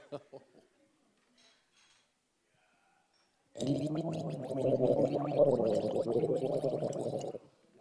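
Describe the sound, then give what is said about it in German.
After a few seconds of quiet with faint voice bits, a person gargles egg liqueur: a loud, sustained throaty gargle bubbles for about four seconds, a wet, rattling warble with a voiced tone under it, then stops abruptly. “Schön gurkeln. Okay, das ist gut für die Stimme.”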